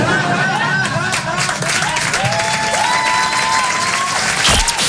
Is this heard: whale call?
no